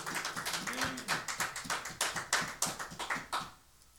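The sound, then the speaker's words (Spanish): An audience at a religious service claps hands for the Lord in a steady, rapid rhythm, the sharp claps fairly loud, with a faint voice briefly underneath before the clapping fades near the end. “Aleluya, fuerte las palmas al Señor, aleluya.”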